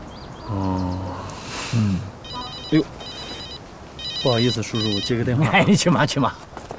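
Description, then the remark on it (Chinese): A phone rings with a bright, electronic trilling tone in several short repeated bursts while people talk over and around it. “不好意思，叔叔，我接个电话。”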